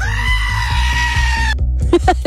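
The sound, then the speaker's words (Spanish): A loud, sustained goat scream with a strained, wavering bleat lasting over a second, cutting off abruptly, followed by brief voices over a steady low rhythmic background beat. “¿Le puedes mandar una cabra gritona a mi esposo”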